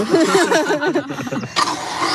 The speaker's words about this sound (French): Voilà, j'ai une batterie sur l'arrière de la ceinture. J'ai un petit moteur à la ceinture. Et donc, il y a un câble d'entraînement jusqu'à la fraise.